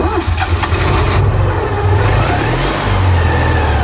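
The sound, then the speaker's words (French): A Citroën 2CV's small two-cylinder car engine revs loud, its throaty, uneven putter running steadily for a few seconds with no voices around it. “Si c'est confirmé, la deux chevaux arrivera sur le marché sans faire de bruit. En tout cas, pas celui-là.”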